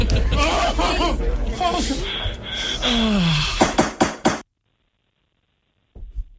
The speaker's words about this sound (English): Pulling rope release on garage door opener.